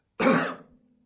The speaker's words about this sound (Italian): Un colpo di tosse.